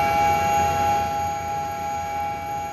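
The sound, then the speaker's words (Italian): A steady, unwavering warning tone sounds continuously from a fire panel alarm test in a carabinieri helicopter cockpit, for a low-altitude flight over Taranto, Italy, sustained at a constant pitch over a rumbling helicopter engine drone. “Fire panel. Ok, check.”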